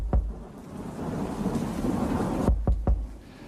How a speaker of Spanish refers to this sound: una noche de lluvia, de tormenta, de fuerte viento dando contra las ventanas de la habitación.